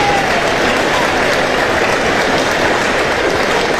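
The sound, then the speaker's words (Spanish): A large audience gives an ovation, applauding in a steady, dense roar of clapping that holds at full strength throughout, loud, with a faint crowd murmur mixed in and no distinct speech. “Mae, oiga la ovación, mae.”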